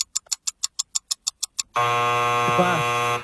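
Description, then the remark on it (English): A quiz timer sounds: a run of about ten quick, evenly spaced electronic beeps, like a countdown ticking down, ends in a loud, sustained harsh buzzer tone lasting over a second. No one speaks. “Buzzer beater?”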